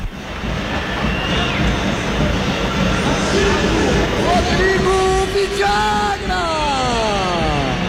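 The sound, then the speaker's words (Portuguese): A stadium crowd of Inter fans at Beira-Rio roars in a dense, steady wash of noise for the whole stretch, while an echoing announcer's voice reads out the Inter lineup over the loudspeakers partway through. “Vamos sentir aqui a reação da torcida.”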